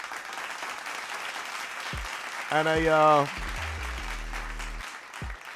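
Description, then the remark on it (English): A round of applause for minister Jumo Campbell crackles steadily throughout at moderate loudness, with a brief electronic tonal sound effect rising midway and a voice briefly speaking over the clapping. “Let me give him a round of applause.”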